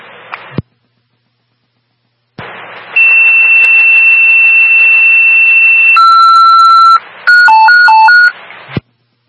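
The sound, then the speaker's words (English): Second fire dispatch paging alert tones for Salton Fire Company 1 over a hissing radio channel: a long, steady high beep, a shift to a different held tone, then a quick run of stepping, warbling pitches before cutting off. “Salton Fire Company 1, stand by for second tones.”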